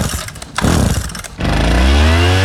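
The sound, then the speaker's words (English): A loud small gas-engine leaf blower sputters in short bursts, then revs up into a steady, droning roar with a rising whine. No voices. “resident leaf blower.”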